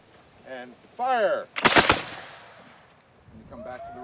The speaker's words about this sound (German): Das Pulver, das schüttest du von oben in den Lauf und dann spannst du die Muskete und dann gibt's ein Kommando, anlegen, schießen und dann feuerst du diese Muskete ab.